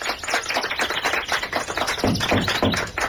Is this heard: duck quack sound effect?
no